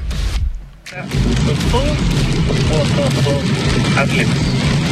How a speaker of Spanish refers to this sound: Se escucha ahí su vehículo, cómo va.